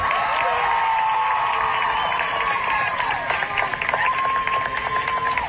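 A large crowd at a graduation cheers and claps loudly and steadily as a graduate's name is called, with whoops and high shouts rising over dense, continuous applause that fills the whole stretch.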